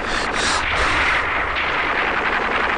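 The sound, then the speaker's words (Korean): Intense, continuous gunfire with rapid overlapping shots and booming blasts, forming a loud, dense roar of battle that never lets up, with no talking. “총소리는 점점 더 자지러지었다.”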